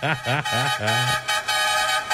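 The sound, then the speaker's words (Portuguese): A voice imitates a horn honking: three quick, nasal toots followed by a longer held blast, loud, with a faint background hum throughout. “Chama na buzina então, meu irmão.”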